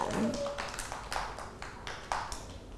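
Children clap their hands in a loose, uneven burst of several claps, fairly soft and close, with a brief high voice sound at the start.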